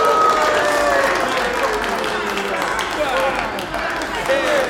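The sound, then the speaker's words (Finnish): A crowd bursts into sustained applause and loud cheering, steady clapping filling the whole stretch with shouts and whoops rising above it, and excited voices mixed into the noise. “Yleisön reaktio nostaa tunnemyrskyn, joka saa mantelitupakkeni räjähtämään.”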